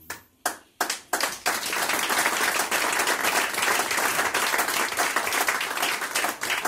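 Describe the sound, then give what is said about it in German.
An audience applauds a speaker's statements: a few separate claps, then within about a second a swell into sustained, dense clapping from a sizable crowd that holds steady and loud to the end. “Das Publikum gutiert Ihre Aussagen, also zufrieden auch mit dem alles, was in Guttenbrunn durch diese Bühne gegangen ist.”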